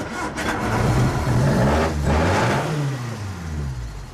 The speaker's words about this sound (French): Et question moteur, qu'est-ce que tu choisirais? Un 1600 cm3. D'accord, un moteur qui aurait un peu ce bruit-là.